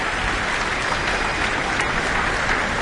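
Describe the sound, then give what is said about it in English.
Sustained applause for a soloist from a large audience and fellow musicians on stage at the Auckland Town Hall, a dense, steady wash of many hands clapping at once with no pauses, filling the hall evenly at a moderate level. “She's back, taking in a bit more of the applause here at the Auckland Town Hall.”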